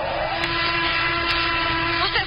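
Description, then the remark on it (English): A steady, dense roar of British and American aircraft engines drones overhead during an air raid, loud and unbroken for the whole stretch with a low humming tone running through it and no voices. “Planes overhead now.”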